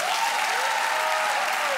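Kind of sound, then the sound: crowd, audience applause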